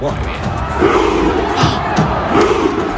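A large crowd of Norwegian football fans chants in rhythmic unison, cheering their national team at its debut match against Iraq by imitating Vikings rowing their drakkars. Their deep voices rise in repeated surges like a rowing cadence, loud and dense with a constant crowd roar underneath.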